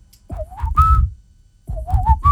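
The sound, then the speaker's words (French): Someone whistles the opening of a song on radio station Chérie FM, a short melodic phrase twice, rising pitch notes in two bursts, with a pause between them and no talking. “que tu peux siffler le début de du titre qu'on va passer?”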